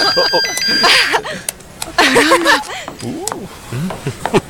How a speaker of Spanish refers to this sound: voy a contestar. Dame mi teléfono.